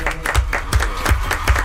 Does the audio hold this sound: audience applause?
yes